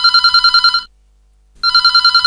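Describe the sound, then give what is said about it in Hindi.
A telephone rings with an incoming call to the Hindi phone-in folk song program "Phone Karen Lokgeet Sune": two bursts of rapid, trilling electronic ringing separated by a short silence, loud and clear with no voices. “और लेते हैं जो पहलो फोन।”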